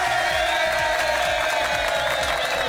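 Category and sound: crowd, applause and cheering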